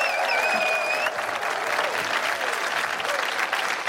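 Steady, dense applause from an audience fills the whole stretch, a continuous crackle of many hands clapping at once, with a few faint whistles or cheers ringing out early on.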